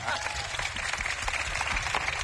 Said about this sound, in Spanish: El peor público es el que parece que está pintado. El que no aplaude, no gesticula y no hace nada. Así que aplaudan, vamos, vamos.